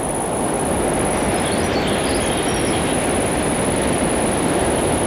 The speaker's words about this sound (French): Le son aigu de l'insecte. Et quelques chants d'oiseaux diffus composent ce paysage. Piste forestière.